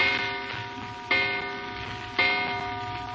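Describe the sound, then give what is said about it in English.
A clock in the front hall of a house strikes with resonant chimes, three strokes about a second apart, each ringing out and slowly fading into the next, heard alone at moderate volume. “And you're still wondering about it as you hear the clock striking in the front hall.”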